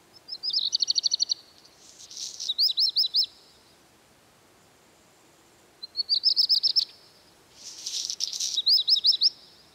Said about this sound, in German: Manche Vogelgesänge ähneln bekannten Geräuschen. Der Gesang des Hausrotschwanzes erinnert zum Beispiel in Teilen an knirschende Steine.